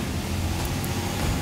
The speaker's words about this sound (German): Lkw vorbei.